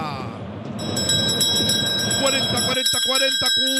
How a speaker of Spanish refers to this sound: Tócame la campana.